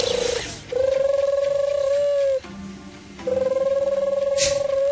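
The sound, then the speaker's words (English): A person imitates a turtle dove's call, one of the animals shown in the National Geographic series Africa: Earth's Wild Home. It has two long, steady purring trills at a medium pitch, each with a fast rolling flutter, separated by a short pause. “I'm going to do bird calls based on some of the animals shown in their new series, Africa Earth's Wild Home.”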